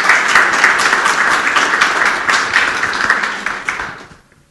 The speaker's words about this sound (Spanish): Y también en esta oportunidad se integra o está con nosotros el distrito de Salpo, la institución educativa José Bernardo Alcedo. Fuerte los aplausos.